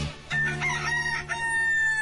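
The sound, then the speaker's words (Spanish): A rooster crows loudly, one drawn-out cock-a-doodle-doo with a strained, sustained tone over a faint low hum in the background, used as the signal for the radio show Amanecer Ranchero de la Raza. “Si escuchas al gallo cantar, estás en Amanecer Ranchero de la Raza.”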